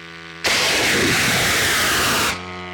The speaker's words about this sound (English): we recently joined the Ukrainian military team that launches these long-range drones, and here's what it sounded like.